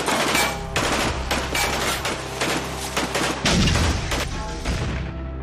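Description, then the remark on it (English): A P4 military vehicle explodes in a loud, continuous barrage of blasts and rapid crackling bursts, with a heavier boom partway through, then the roar slowly trails off. “I jumped out of the vehicle and I laid on the ground, and that's when the P4 exploded.”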